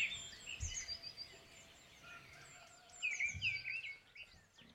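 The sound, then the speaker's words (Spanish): Someone whistles and warbles an imitation of bird calls, a string of high chirps and trills that rise and fall, fairly quiet with short breathy bursts underneath and no talking. “Uy, qué bien imitas a los pájaros, tío.”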